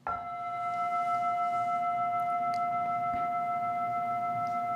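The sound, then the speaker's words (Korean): A single bell is struck once and rings on in a long, steady, clear tone with bright overtones, sustaining without fading much for several seconds, with no talking. “이 종소리가 먼저 있죠 하면은 바로 종소리라는 말에 또 떨어지잖아요.”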